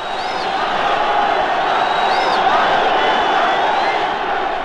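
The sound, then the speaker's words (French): A packed concert crowd of under-20s at the Olympia screams and stomps nonstop in a dense, loud roar, with shrill individual shrieks cutting through the steady wall of noise; no distinct speech emerges. “Je me trouve au milieu d'une foule de moins de 20 ans dont vous entendez les cris et les trépignements.”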